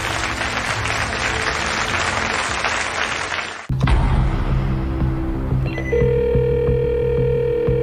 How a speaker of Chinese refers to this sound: 再次把掌声送给他们，谢谢。